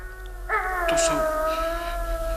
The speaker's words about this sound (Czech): To jsou ti vlci. Jenom vlci.